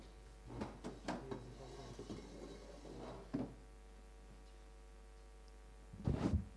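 Wooden scraping and light knocks as a small chair standing off to the side is carried over to the speaker and shifted, then a pause before a firmer thud as it is set down on the floor.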